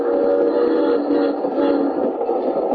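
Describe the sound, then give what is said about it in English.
A train rolls steadily along the rails on an overnight journey, a continuous loud rumble with a droning tonal hum and no break or change in pace. No one speaks. “Well, we'd been on the train overnight when he first mentioned it.”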